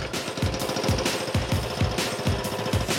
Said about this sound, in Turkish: Sert bir katmana denk geldik. Sonunda bir tonluk çekiç kullanacağız. Bu şekilde zemini kırıp sonra taşıyacağız.